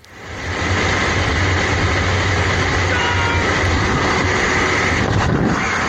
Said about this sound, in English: There's a lot of shouting and screaming. I don't think they're actually screaming. I think they're just giving commands, and it's very noisy. Yeah, very noisy in the, inside the what? Airplane.